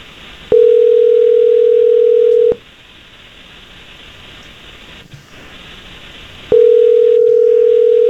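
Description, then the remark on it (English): A phone line rings out with two long, steady ringback tones about four seconds apart, fairly loud over a faint hiss, with no one speaking, as the Jesse James Morning Show radio hosts call a listener. “We'll give her a call here and see what we can do for you, my man.”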